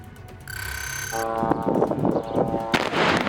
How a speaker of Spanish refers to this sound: Aquí tenemos otra explosión que ha sacudido el sur del país. Allí el ejército de Israel sigue bombardeando poblaciones a pesar de la tregua.